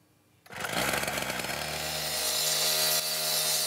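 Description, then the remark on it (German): A loud power tool, like a saw or cutter, starts up abruptly after a brief quiet moment and runs with a harsh, grinding roar at a construction site in Huchting, Bremen, Germany, where tram line 1 is being extended, at 9 a.m. on a hot day, 30 °C in the sun. No one speaks. “Auf der Baustelle in Huchting, wo die Straßenbahnlinie 1 erweitert wird, drückt es schon um 9 Uhr morgens.”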